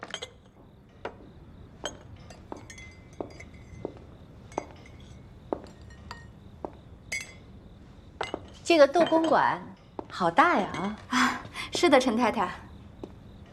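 Teacups clink with light, sharp taps scattered at an unhurried pace, fairly quiet, as tea is poured for a guest, before several people start chattering over the last few seconds.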